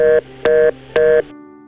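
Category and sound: signal or alarm, telephone tone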